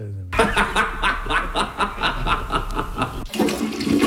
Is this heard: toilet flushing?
yes